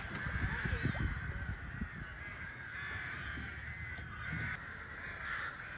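flock of crows cawing

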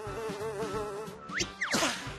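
fly buzzing in flight

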